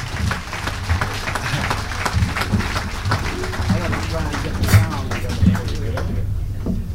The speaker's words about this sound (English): Without further ado, let's get together and welcome to the stage that statesman of jazz and give a nice round of applause to …, ladies and gentlemen.